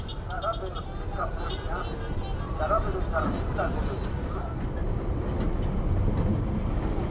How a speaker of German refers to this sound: Und nach der Wartung donnern mit dumpfem Grollen 2100 PS starke Dieselloks quer durch Oruro.